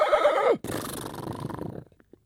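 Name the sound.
horse neighing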